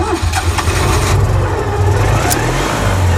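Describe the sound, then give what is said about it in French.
A Citroën 2CV's small engine revs loudly and steadily, a rough, buzzing mechanical drone with low throbbing pulses and rising pitch toward the end, with no one speaking. “Bon bruit significatif de la Dodoche, comme on l'aime.”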